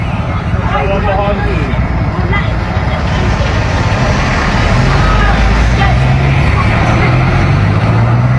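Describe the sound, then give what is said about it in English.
Heavy engines of four large coach buses carrying migrants in the UK rumble past under police escort in a steady, loud stream, a deep drone swelling near the end, with indistinct voices mixed into the constant traffic noise. “The large buses, not just the sprinter vans in the background.”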